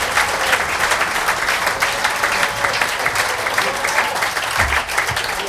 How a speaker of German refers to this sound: Zu mir auf kommt jetzt der Herr Vizebürgermeister der Marktgemeinde Birkfeld, der Karl Schneeflock, und er kriegt gleich einmal einen Applaus.